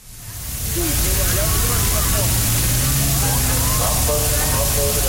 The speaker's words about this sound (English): In Berlin, police deploy water cannons not to fend off protesters, but to give crowds who'd gathered relief from the heat wave.